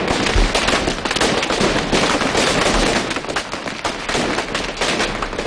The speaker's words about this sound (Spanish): El Tro de Bac, que es el nombre que recibe este petardo diseñado exclusivamente para el Domingo de Resurrección en Cúllar Vega.